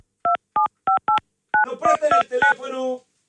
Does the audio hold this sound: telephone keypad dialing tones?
yes